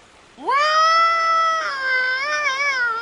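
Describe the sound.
A person imitates a moose's bellowing call to try to attract a moose, with one long, loud cry that swoops up and holds a high, slightly wavering tone for almost three seconds, with no other sounds.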